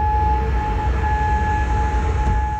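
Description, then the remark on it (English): Air raid sirens in Kuwait City, warning of incoming Iranian missiles, sound a steady, sustained tone over a constant low rumble, holding the same pitch throughout with no rise or fall, fairly loud and continuous, and no voices. “Air sirens sound in Kuwait City, warning of incoming Iran missiles.”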